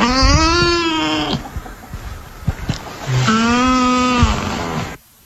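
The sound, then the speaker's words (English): Two long, moaning nutria calls, each held for over a second with a slightly wavering, cow-like or wailing tone, separated by a short gap of soft clicks and rustling. “So just for the sake of discussion, this is what a nutria sounds like.”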